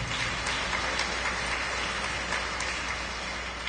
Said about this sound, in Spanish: Demos palmas a Mario Gael por sus 3 añitos.